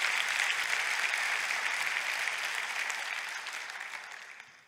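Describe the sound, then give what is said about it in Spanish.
A crowd gives itself a round of applause when asked to during a talk about the word of God: dense, sustained clapping, loud at first and gradually fading toward the end, with no voices standing out. “Date un aplauso a tú mismo.”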